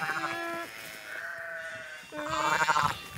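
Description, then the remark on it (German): A shepherdess imitates a lamb's bleating to lure a ewe to her newborn lamb, with three wavering, high-pitched calls, the middle one long and drawn out, rising louder again at the end, with no other talking. “Mit Lammrufen lockt die Schäferin.”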